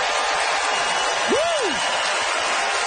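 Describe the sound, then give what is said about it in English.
A theatre audience at the McPherson Playhouse applauds steadily to vote for comedian Katie Allen Humphreys, a dense, even wash of clapping that holds its loudness throughout, with a single rising-then-falling whoop cutting through about halfway. “Listen to the crowd.”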